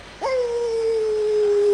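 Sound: dog howling and whimpering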